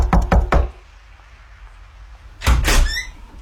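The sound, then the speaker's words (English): Three quick, sharp knocks on a door, loud, followed by a pause of quiet room tone, then a heavier burst of thudding and rattling as the door is handled. “I'm going to get you to place the door knock, and then he'll be there.”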